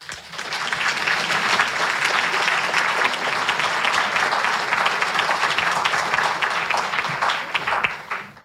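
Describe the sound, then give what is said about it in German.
An audience applauds warmly to welcome an author who is about to read from his novel, dense overlapping claps sustained at a steady loud level for several seconds before quickly dying away at the end. “Liebes Publikum, begrüßt bitte ganz herzlich David Weider.”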